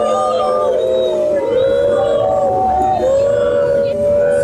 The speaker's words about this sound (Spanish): ouvem-se bastantes gritos contra JJ e também a Pedro Proença. Estávamos nesta expectativa de perceber qual é que seria a reação dos adeptos que acabaram por assobiar.